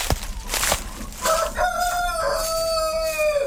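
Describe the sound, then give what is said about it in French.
A rooster of the Vercors grey hen breed, a rustic dual-purpose breed, crows a single long, drawn-out cock-a-doodle-doo, loud, after a couple of sharp knocks at the start, with no talking. “Alors, la poule grise du Vercors, c'est une race rustique qui est utilisée actuellement à double fin.”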